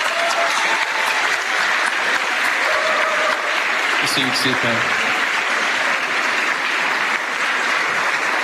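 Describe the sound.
A crowd applauds the Emmanuel community members for their music, steadily for the whole stretch, a dense, even wash of clapping that stays loud throughout, while a voice briefly speaks over it.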